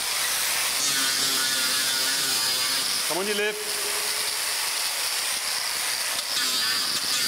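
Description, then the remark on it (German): An angle grinder files the sole layer and nails of the elephant Chamundi's foot during elephant foot care, with a steady, loud, harsh high-pitched whir that runs the whole time, while a voice speaks briefly over it. “Unangenehm, der Lärm, der Flex, der beißende Geruch, der Sohlenschicht und der Nägel.”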